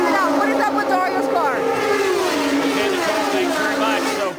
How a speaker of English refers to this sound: down there on what is a very noisy pit lane